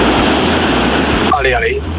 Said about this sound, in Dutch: Ik ben onderweg met de auto. Excuses voor de auto.